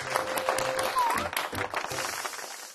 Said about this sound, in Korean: 와, 이건 또 박수 나와야 됩니다. 와.